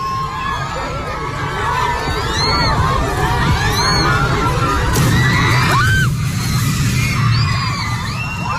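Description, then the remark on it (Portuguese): A sharp crack and then a heavy crash as a roof cover built to give shade collapses right beside children, heard midway through a continuous din of children shouting and a noisy crowd. “Isso aí, esse estalo, seguido de um estrondo, foi esse... Essa cobertura. Essa cobertura aí pra, enfim, pra dar sombra, que desaba.”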